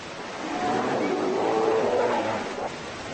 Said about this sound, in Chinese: 棕熊都想占据最好的捕鱼地点，他们会为了阵地而战斗。